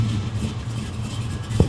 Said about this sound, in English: Okay. Let's go hear the jalopy sound.